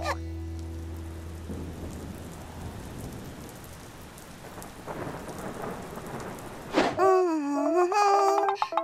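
Heavy, steady rain hisses throughout, with a deep rumble of thunder early on. Near the end a phone's bright, melodic ring abruptly cuts in over the downpour.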